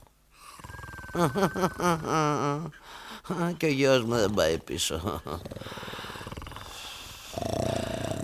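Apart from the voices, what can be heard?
snoring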